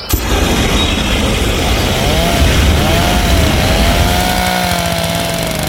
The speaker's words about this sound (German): Alles stinkt nach Essig und verbranntem Pflanzenmaterial und überall schrebbeln Hochdruckreiniger und Rasenmäher in den Gärten.